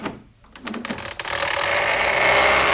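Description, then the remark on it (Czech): A door handle is turned with a quick series of small metallic clicks and rattles, followed by a louder, steady rushing noise that swells and holds to the end. No one speaks. The door turns out to be unlocked. “Vemte za kliku.”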